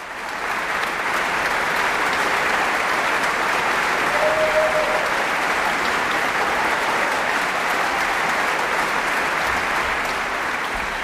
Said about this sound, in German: Ja, und das ganze Orchester erhebt sich, nimmt den wohlverdienten Applaus entgegen, denke ich.